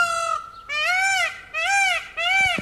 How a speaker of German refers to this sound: Bad Westen wird von einem Pfau unsicher gemacht. Und dieser Pfau spaltet die Gemüter.